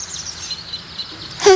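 A short, bright bird call bursts out loudly at the very end, preceded by a faint, steady high-pitched chirping in the background. No one speaks.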